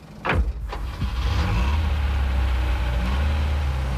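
A short knock and quick whooshing sweep give way to a taxi's steady, low engine rumble as it drives toward Arenal, holding an even, moderate loudness throughout with no voices.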